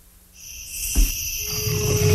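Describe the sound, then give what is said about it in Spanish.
A jaguar's low, rough roar rumbles in the lower range at night in the jungle, over a steady bed of night insects and crickets shrilling, with a brief deep thump just before it. “Entre la selva y las estrellas, en la penumbra de la noche, su rugido resuena en el tiempo. La huella del jaguar.”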